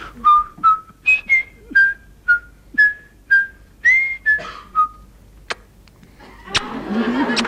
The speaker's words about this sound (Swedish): Jag står framför publiken, så där, jag måste göra någonting. Jag börjar vissla. Hur lät det då? Ja, sånt där.